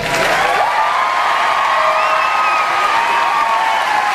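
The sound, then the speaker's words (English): A recorded applause sound effect: a crowd claps and cheers continuously, with many overlapping voices whooping above a steady wash of applause, loud and sustained throughout without any break or individual speech. “There aren't enough sound effects in the world. The clap's okay.”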